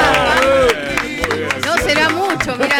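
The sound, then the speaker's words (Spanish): Audience applause on the live show Vida de Sábado, broadcast to Argentina, rises as scattered claps and crowd noise, with voices calling out over the top of the clapping. “Fuerte la aplauso.”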